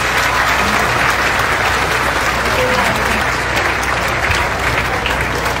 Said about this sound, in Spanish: Desde aquí un fuerte aplauso a la presidenta de la República.